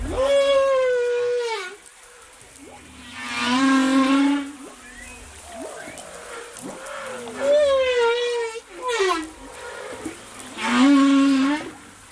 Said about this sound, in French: Bah, je vous propose d'écouter, parce que vous nous avez très gentiment envoyé par une méthode tout à fait moderne, par le MP3, des sons de baleines, et on va écouter précisément les sons impressionnants de ces baleines à bosse,